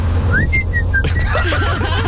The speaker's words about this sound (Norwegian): Ja, fordi det var sånn tostedt plystring, kan du si.